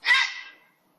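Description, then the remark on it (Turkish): A single harsh, raspy croak from a grey heron, loud, starting abruptly and trailing off over about half a second, with no other sounds around it. “Gri balıkçılık”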